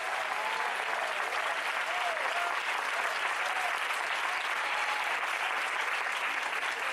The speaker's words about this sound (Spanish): Denle fuerte ese aplauso.